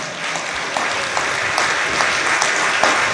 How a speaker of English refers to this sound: If I got parents in here, you ought to say amen and give God a hand clap of praise.